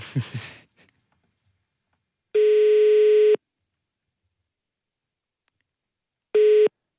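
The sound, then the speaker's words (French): A telephone ringing tone on a call to Wattio Nivelles placed live on Vivacité radio by the show On n'est pas des pigeons: a steady, mid-pitched electronic beep lasting about a second, a few seconds of silence, then the tone starting again and cutting off. A brief voice fragment comes first. “Ah, ça sonne mieux.”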